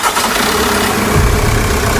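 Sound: vehicle engines idling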